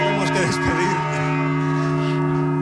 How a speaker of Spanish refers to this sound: Escuchando el sonido de las campanas desde el interior del campanario de la Catedral de Alcalá, desde el interior del campanario de la Catedral de Mondoñedo.